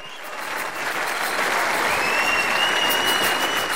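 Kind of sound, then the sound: crowd, concert audience applause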